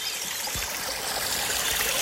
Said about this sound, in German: Ja, jetzt setzen wir uns noch kurz an einen Bach im Schwarzwald im Turnbachtal.